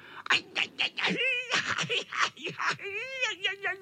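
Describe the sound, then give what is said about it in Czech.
A human voice imitates a tomcat squealing and yowling after landing in stinging nettles: a run of short, rising cries gives way to long, wavering, high-pitched wails, loud. “Pištěl kocour, který dopadl do kopřiv.”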